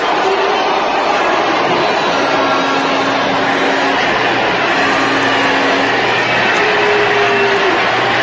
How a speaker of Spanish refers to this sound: La están abucheando. La están abucheando. Es un abucheo grande, ¿eh?